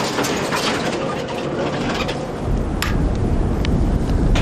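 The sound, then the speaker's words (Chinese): A strong wind roars steadily on a mountain, with scattered sharp taps of hail striking during outdoor work; the low rumble grows heavier midway through and stays loud to the end, with no voices. “大风夹杂着冰雹，加大了工作的难度。”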